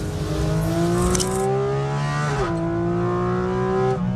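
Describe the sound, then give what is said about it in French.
The naturally aspirated 4-litre flat-six engine of a 500-horsepower Porsche Cayman GT4 RS howls with a strong harmonic wail, pitch climbing steadily, briefly dipping at a gear change, then rising again, loud and continuous with no talking. “C'est celui du flat 6 atmosphérique de 4 litres.”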